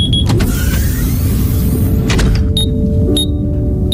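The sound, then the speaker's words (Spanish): The motorized hatch of a capsule in module 14C of a submarine vessel whirs shut with a steady, loud electric hum lasting throughout, broken near the end by a few sharp, high-pitched clicks. “La cápsula de Indiana se cierra mientras la respiración de su ocupante se va ralentizando, acompasada por el suave oleaje marino.”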